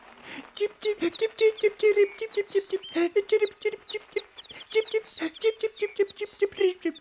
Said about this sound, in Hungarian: Fordítsd le, hogy mit mond a veréb. Érted a beszédét? Minden beszédet értek.